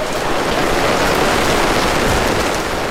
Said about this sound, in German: Jetzt gerade können wir einfach mal zuerst den Regen geniessen.